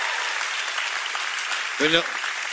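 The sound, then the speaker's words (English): A crowd applauds in a dense, steady wash of clapping throughout, welcoming home a pastor now serving in Grenoble, France, with one short voiced shout or whoop rising above it near the end. “No golf claps here.”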